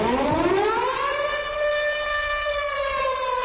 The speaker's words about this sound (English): Protest siren.